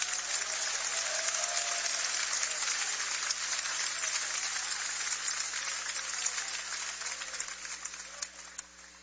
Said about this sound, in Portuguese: Podem aplaudir, o Senhor merece.